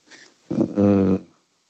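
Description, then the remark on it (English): A dolphin vocalization: a faint chirp, then a brief rough burst and a loud, buzzy, sustained squeal lasting about half a second, heard alone. “Dolphin is correct, Mikko.”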